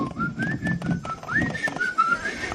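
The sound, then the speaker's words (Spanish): Someone whistles a short, cheerful church chorus melody, the notes gliding and rising in a steady tune for a few seconds, with a low murmur of room noise underneath. “Hasta cantando un coro silbado.”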